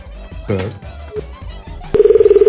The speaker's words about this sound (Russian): извини, что я неправильно набрал